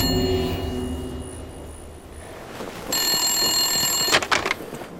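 A telephone rings with a bright, metallic bell tone, sounding in repeated bursts, ending with a few sharp clattering clicks as the receiver is picked up.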